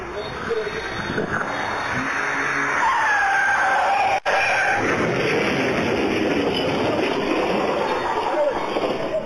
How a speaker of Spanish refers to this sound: El auto que circulaba a alta velocidad perdió el control, se estrelló contra un poste y terminó volcado. El impacto dejó a uno de los ocupantes atrapado entre los restos del vehículo.